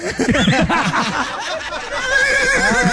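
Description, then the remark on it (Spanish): A person imitates a horse's whinny, a loud, wavering, quavering vocal neigh lasting a few seconds, rising and falling in pitch. “¿Cómo fue el relinchido?”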